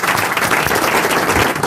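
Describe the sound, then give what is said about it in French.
An audience applauds Monsieur Ferrari, dense overlapping claps forming a loud, continuous wash of sound with no voices standing out. “Monsieur Ferrari, sous les applaudissements du public.”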